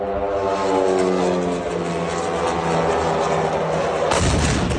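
A Ukrainian drone's steady, droning engine buzz fills the air, then a sudden loud explosion bursts near the end as it hits a high-rise building in a Moscow suburb, followed by noisy rumbling debris. No one speaks.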